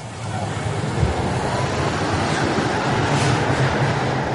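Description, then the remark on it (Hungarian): A tram rolls steadily along track whose rails are glued into a concrete bed, which makes the traffic noise from under the car louder: a loud, continuous rumble with dense low-end roar and a faint rhythmic rattle from the wheels, sustained throughout with no one speaking. “Hát sajnos a betonnak az úszott ágyazattal szemben van egy olyan tulajdonság, hogy a közlekedésből eredő zajok felerősödve kerülnek ki a kocsi alól. Egy picit valóban hangosabb a pálya.”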